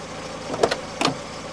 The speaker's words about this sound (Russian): В то утро мой приятель Майк заметил меня и подъехал ко мне на своей машине.